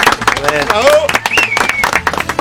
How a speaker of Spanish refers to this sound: ¡Fuerte el aplauso